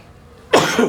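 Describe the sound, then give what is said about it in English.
A man gives a single loud sneeze that bursts out abruptly after a moment of near silence, a harsh, breathy blast that trails off in a noisy rush of air. “Bless you, Dad. Bless you.”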